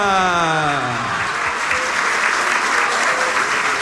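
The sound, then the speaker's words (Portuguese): A crowd breaks into steady, loud applause in honour of Nossa Senhora da Penha, dense clapping sustained throughout, with a harmonic tone sliding downward at the start as the clapping builds. “Nossa Senhora da Penha, Nossa Senhora da Penha, Nossa Senhora da Penha, uma salva de palmas a ela, viva Nossa Senhora!”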